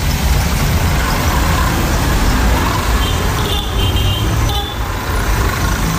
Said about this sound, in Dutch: En we kijken naar de voorbijrijdende brommers en kekkes. Het zijn een soort Nigeriaanse versie van tuk-tuks.